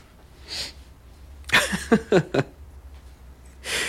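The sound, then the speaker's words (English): A sharp sneeze bursts out, followed by a few quick snuffling exhales, with soft breathy noises before and after and no talking. “God bless you.”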